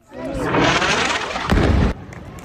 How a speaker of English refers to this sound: A major explosion rocked Gaza City on Tuesday.